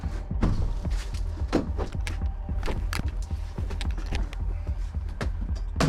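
Firefighters pry a door open with a Halligan bar, levering it upward from the bottom or halfway up: repeated sharp metallic clanks and scraping strain, irregular bursts of prying and knocking over a steady low rumble, with no talking.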